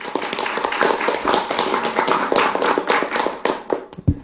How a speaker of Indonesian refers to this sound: Wah, penampilan yang sangat bagus sekali. Sekali lagi berikan tepuk tangan yang meriah dulu dong.